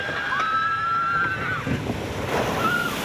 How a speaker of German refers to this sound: Platsch. So klingt eine Wasserbahn im Freizeitpark. Bisschen Nervenkitzel, aber vor allem auch ganz, ganz viel Spaß.